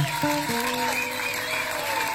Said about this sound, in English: Applause, come on, let's hear it.